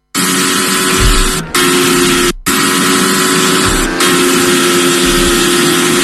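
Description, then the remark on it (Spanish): The engine of Fernando Alonso's Formula 1 car screams loudly and continuously, a high, harsh roar that briefly cuts out twice before surging back, with no voices over it, during its first laps at the new Madrid circuit for the Spanish Grand Prix. “Esto que escuchas es el sonido del monoplaza de Fernando Alonso.”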